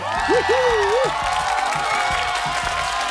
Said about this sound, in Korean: 자, 여러분 방청객의 박수 소리와 함성 소리가 들리는데 바로 이분이 함께 하시기 때문에 오늘 한 시간 동안 방청객들과 함께 스페셜 DJ, 반 스페셜 DJ는 바로 문재윤.